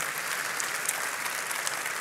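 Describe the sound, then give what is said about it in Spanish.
An audience claps steadily during a sermon in a dense, sustained wash of applause lasting about two seconds, bright and crackling with no voices standing out. “Vamos, dale un aplauso fuerte.”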